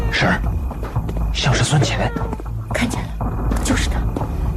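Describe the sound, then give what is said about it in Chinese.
A person outside imitates a cat's meow several times, producing drawn-out, wavering vocal calls that rise and fall, fairly clear over a steady background hum. “嘘，你听，外面好像有人学猫叫。”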